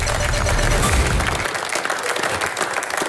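A live audience bursts into dense, sustained applause, many hands clapping at once in a loud, steady wash that thins slightly toward the end.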